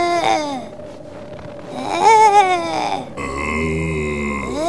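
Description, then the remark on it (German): A polar bear cub, alone with no other polar bear around, in the middle of the Arctic Ocean, cries in a string of plaintive wails and grunts that rise and fall in pitch, with a steady tonal backdrop coming in toward the end. “Ein Eisbär-Baby. Deshalb ist Egon so gerannt. Er wollte zu ihm.”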